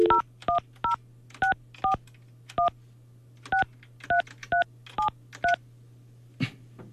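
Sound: telephone keypad dialing tones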